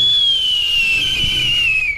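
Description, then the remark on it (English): A falconry bird's warning call: one long, piercing, high whistle-like note held for about two seconds, sliding gently downward in pitch. It's loud and steady, with no voices. “That's different from a warning call, which Benassi says he doesn't expect the bird would make. Here's what that sounds like.”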